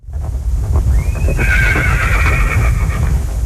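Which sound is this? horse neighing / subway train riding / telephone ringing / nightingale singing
horse neighing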